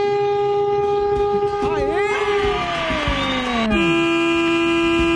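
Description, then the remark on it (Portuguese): A loud truck air horn blares continuously during a late-night horn-honking call-in on Band, its brassy tone bending and sliding downward partway through before settling into a steady, sustained blast. “Buzina é pra você, ó.”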